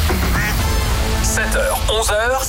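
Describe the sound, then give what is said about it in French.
A few nasal duck quacks sound in quick succession near the end, loud, over a steady low background bed. “Mais alors, dès qu'il rentre à la maison, c'est un vrai canard.”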